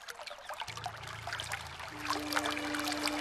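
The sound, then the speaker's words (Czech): A brook trickles and babbles steadily, its bright splashing growing slightly louder toward the end, with a faint low hum sustained underneath and no one speaking. “Jen musím jít co nejblíž k potoku.”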